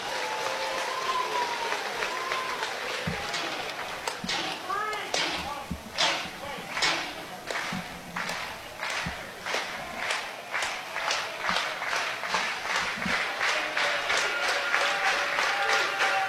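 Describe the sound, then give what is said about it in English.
Baseball fans in a stadium clap in a steady, unified rhythm during a ninth-inning at-bat, sharp beats repeating about twice a second over a low murmur of voices, growing a little louder toward the end. “Fans clapping.”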